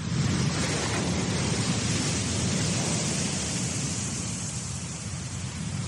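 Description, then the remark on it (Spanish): A loud, steady roar of giant ocean waves breaking on a northern beach, a dense continuous wash of breaking surf with no distinct pauses between crashes and no voices. “El sonido de las olas gigantes rompiendo en la playa del norte.”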